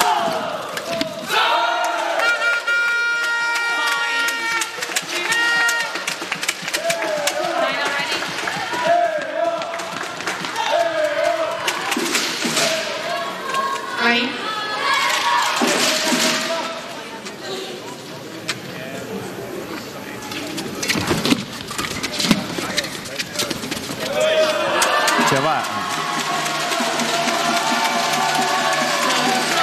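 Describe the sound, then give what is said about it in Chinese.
An excited stadium crowd of Chinese spectators cheers and shouts without pause, a dense roar of many voices with chant-like yells rising and falling, growing loudest in a final swell. “现场的中国观众这个时候很兴奋”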